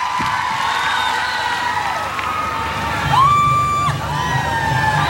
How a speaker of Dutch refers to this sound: En die ziet ook hoe het publiek helemaal wild wordt. Wat een fans, man.